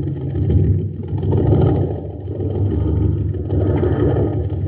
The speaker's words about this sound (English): Gang, this is Captain Dick Tufeld at an Aqua Jet boat race on Mars. My favorite's the Shooting Star. But hey, it doesn't have a chance. The driver is filling up the tank with ordinary fuel.